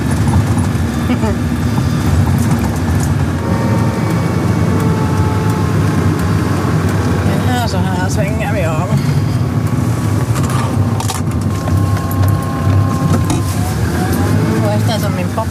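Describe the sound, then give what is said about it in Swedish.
A Land Rover Defender drives along a road into the forest with a steady, loud, low engine rumble, rising and easing as it manoeuvres, with occasional rattles and clunks and muffled voices in the background. “Det är nu ett svepskäl egentligen, man kommer nog upp med en Toyota Yaris också här, men det är kivogare att köra med en Land Rover Defender.”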